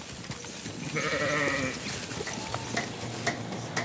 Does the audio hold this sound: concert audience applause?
no